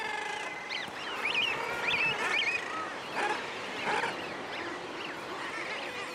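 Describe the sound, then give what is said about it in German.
Guillemots squabble noisily over a fish brought from the sea, their harsh, overlapping calls rising and falling in a dense, continuous chorus of bird cries. “Der vermeintlich nicht mehr gebrauchte Fang ist heiß umkämpft.”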